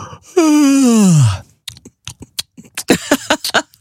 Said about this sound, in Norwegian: Du får den smattelyden etterpå. Smaker litt på gjespen.